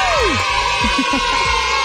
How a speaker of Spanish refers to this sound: Un aplauso para ustedes, se lo merecen.